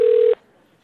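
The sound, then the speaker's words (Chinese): A single steady telephone ringback tone sounds clearly for about a third of a second, then cuts off into near silence while the call goes unanswered. “唉，怎么还不接啊？”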